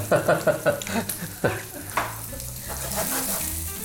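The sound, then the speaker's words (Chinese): Zucchini sizzles steadily as it pan-fries in a hot pan, fairly loud, with a quick run of stirring clatters at the start before the frying hiss settles in on its own. “对，煎的差不多了，我们就调味，简单的盐巴、黑胡椒。”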